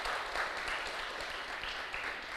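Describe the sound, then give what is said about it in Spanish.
A crowd at a religious service claps steadily in praise of the Lord, a dense wash of many hands applauding at once, sustained and fairly loud throughout with no voices standing out. “Dile un fuerte aplauso al que vive, aleluya.”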